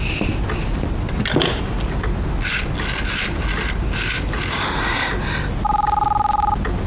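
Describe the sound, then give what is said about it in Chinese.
A telephone being dialed to call the Gu family's home: a run of clicks and short tonal bursts, then a steady electronic ringing tone near the end, heard over low background hum. “我现在就给谷家打电话。”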